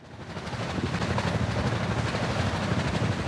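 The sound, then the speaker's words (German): Underwater ship propeller noise in the sea: a dense, steady low rumble with a fast rhythmic throbbing running through it, loud and continuous with no voices. “Seit der Erfindung propellerbetriebener Schiffe vor 150 Jahren hat sich der Lärm in unseren Meeren stetig erhöht.”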